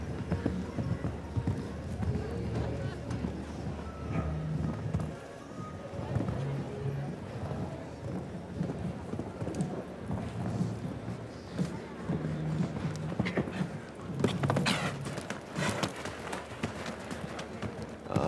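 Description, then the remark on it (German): Steady, rhythmic hoofbeats of a horse ridden around an arena at a brisk pace during a tournament round, taking a turn, continuous, with faint voices and ambient crowd noise in the background. “Die Wendung geritten hier.”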